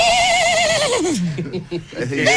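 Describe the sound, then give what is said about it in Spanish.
A voice imitates a horse's whinny: a loud, quavering high-pitched call that slides downward, breaks into sputtering bits, then rises again briefly at the end. “Pero la gente, ¿por qué sale eso? Un caballo aquí en la quebrada de la gira.”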